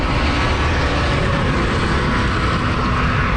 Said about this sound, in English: That was a big truck that just passed by.